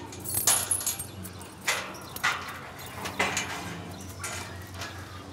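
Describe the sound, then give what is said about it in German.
Keys jangle and clink in several short bursts as the right key is sought for the lock of a gate to a pen of Watusi cattle, with faint low rumbling in the background and no talking. “Und der richtige Schlüssel für das Gatter.”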